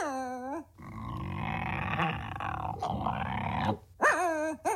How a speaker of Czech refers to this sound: Teď se to pohnulo. To je nějaký velký pes. Snad nemyslíš, že je to ten doopravdický medvěd. Medvěd by bručel. Medvěd vždycky bručí. To je vědecky dokázaný.